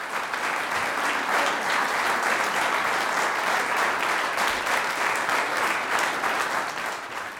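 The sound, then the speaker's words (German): Sustained applause from an audience for the wind quintet Aires Tropicales after its performance of Franz Danzi's Wind Quintet in G minor, a dense, steady wash of many hands clapping at an even loudness throughout, with no talking over it. “Das ist der Applaus für das Quintett Aires Tropicales.”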